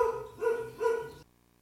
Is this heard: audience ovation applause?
no